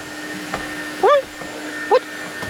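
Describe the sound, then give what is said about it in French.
A vacuum cleaner runs with a steady, even whir throughout, while two short, high squeaky yelps rise briefly above it, one after the other. “Il sort l'aspirateur du placard et il commence à passer l'aspirateur avec ses petites pattes musclées.”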